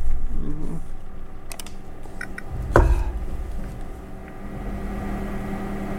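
A few scattered keystrokes click on a computer keyboard, irregular, with one sharper knock in the middle, over a steady low background hum and no talking.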